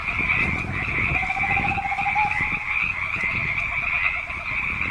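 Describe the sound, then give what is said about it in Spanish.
A dense chorus of frogs croaks continuously at night, heard from the garden of a house, many overlapping calls forming a steady, loud pulsing din with a high shimmering layer above. “Escuchó el croar de las ranas.”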